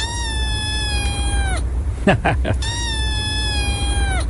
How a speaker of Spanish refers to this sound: Es el maullido de un gatito. De un gatito chiquito.